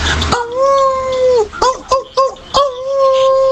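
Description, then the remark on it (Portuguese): A person imitates a dog, starting with a long sustained howl, then a few short whimpering yelps before another drawn-out howl, loud with no other talk. “Nossa, …, que cadela no cio.”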